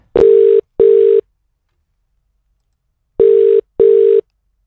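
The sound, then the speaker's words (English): A telephone line tone sounds in two pairs of steady, buzzy beeps separated by a silent pause, loud, as a call is placed to call someone back, with no voices. “I'm going to be calling someone back right now.”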